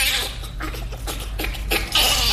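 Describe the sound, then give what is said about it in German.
A bonobo laughing in a quick series of breathy, high-pitched bursts with short gaps between them, fairly loud over faint background noise. “so vom Rhythmus her dann doch irgendwie ein bisschen ähnlich wie der Bonobo, den wir gerade gehört haben”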